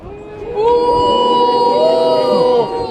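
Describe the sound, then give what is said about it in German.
A crowd boos loudly and steadily, many voices holding a long, low, wavering 'boo' that swells after a brief start and carries on without a break. “So denn, werdet ihr auch noch Bu rufen, wenn ihr in der Hölle röstet?”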